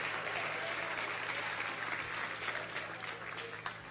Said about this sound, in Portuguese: Vamos receber o servo do Senhor com palmas para Jesus. É palmas para Jesus, palmas para Jesus.